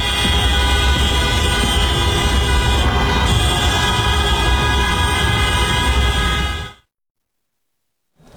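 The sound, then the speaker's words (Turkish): Many car horns blare together in a dense, continuous din for about seven seconds as football fans in long vehicle convoys in the streets of Diyarbakır honk and wave team flags to celebrate a win over Beşiktaş, with overlapping steady tones and traffic noise underneath, then the sound cuts off abruptly. “Cadde ve sokaklarda uzun araç konvoyları oluşturan yeşil kırmızılı futbol severler korna çalarak ve takım bayraklarını sallayarak galibiyeti kutladı.”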